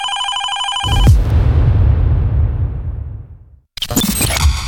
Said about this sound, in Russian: Раз будильник, два будильник, и вы уже проснулись.